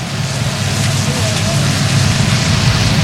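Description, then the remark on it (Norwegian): Steady rumble of a funeral motorcade's cars driving past a bend at the bottom of Parkveien and turning right toward the royal palace, a continuous low engine and tyre noise with a broad hissing wash over it, fairly loud, with no distinct single pass standing out. “Nå står jeg da nederst I parkveien I en sving som akkurat går ved Hegdausveien, så nå kjører da bilene og kortesjen til høyre mot slottet, hvor de snart da tar inn til slottskapellet, hvor da båren skal stå til gravferdsdagen.”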